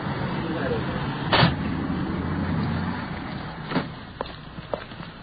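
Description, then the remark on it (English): A suspect is placed into a uniformed police car: shuffling movement, a couple of sharp thumps and knocks against the vehicle, over a steady low hum of traffic, with faint muffled voices. “Suspect being placed in the uniform car.”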